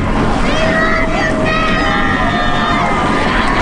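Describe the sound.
A large crowd mills about close by, many voices overlapping in a steady, loud babble with occasional raised calls and cheers rising above the mass of chatter.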